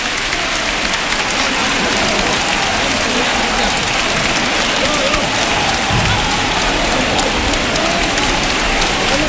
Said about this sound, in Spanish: Poco a poco que la Virgen se va depositando, y estas son las palmas. Yo me callo, los sonidos hablan.